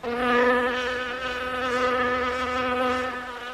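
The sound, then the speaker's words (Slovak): A fly buzzes steadily for a few seconds, a continuous droning hum that wavers slightly in pitch and loudness as it hovers, with no voices. “Neskôr mi občas cez hlavu preletelo čosi podobné tomu, čo vy nazývate mucha.”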